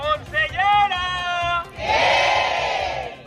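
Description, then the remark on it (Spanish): A crowd of protesters at a strike demonstration shouts in unison, first a few short rhythmic bursts, then a long sustained yell, followed by a louder, denser roar of many voices shouting together. “Más allá de los gritos, ambas partes aseguran que están abiertas al diálogo, aunque esto lo llevan diciendo desde hace semanas y no hay avances.”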